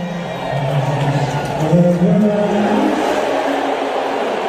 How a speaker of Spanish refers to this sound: a mí me parecen abucheos. Pitos, no sé, pero. No tengo a lo claro. Mejor, no, pero mira, mira, así sonaba directamente en la grada.